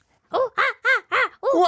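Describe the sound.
A person imitates a monkey call: five loud, rhythmic vocal hoots, each rising and falling in pitch, the last one longer and wavering, with no other talking.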